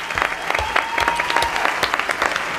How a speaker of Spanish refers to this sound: Pido un aplauso para Rafa Berrocal y también para los actores que han dado voz a este cuento